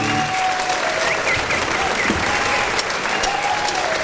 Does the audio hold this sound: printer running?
no